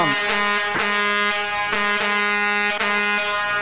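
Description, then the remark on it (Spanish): A car horn from vehicles passing along a roadside blares loud in one long, unbroken honk that fills the whole stretch, with a few brief harsh surges in its tone along the way. “Ahí está, pues, los que pasaron tocando claxon.”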